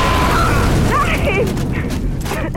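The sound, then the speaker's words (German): A heavy, sustained landmine explosion rumble fills the whole stretch, loud, with deep booming low end and scattered debris-like crackles and whistling tones riding on top, easing slightly toward the end; the mine is a walking mine on eight spider legs. “Als Duck den Ort der Explosion erreichte, hatte sich der Rauch verzogen.”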